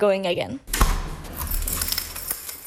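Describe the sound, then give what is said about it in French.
A brief voice, then a solid thump as the front door of a house shuts, followed by metallic keys jangling and a few sharp clicks from a lock turning. “Voici, on va fermer la porte de la maison.”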